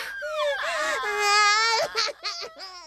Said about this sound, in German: Wird das 2 Tage lang so weitergehen? Die Babys nörgeln und quengeln und schreien und greinen